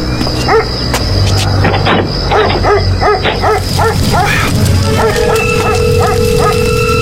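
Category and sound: animal, dog barking and yipping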